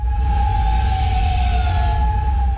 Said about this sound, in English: Sirens ring overnight in Kuwait City. Officials there say its air defense systems intercepted missile and drone attacks.